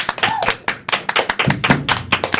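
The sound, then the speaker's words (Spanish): A small group claps, with sharp, closely spaced hand claps rattling along at an irregular pace, fairly loud, with no voices over it. “Que se escuche ese aplauso. Hoy tiene que escucharse, por favor.”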